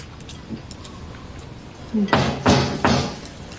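Three firm knocks on a door land in a steady, evenly spaced rhythm after a quiet stretch with faint background hum. Each rap is sharp and fairly loud, with no voices.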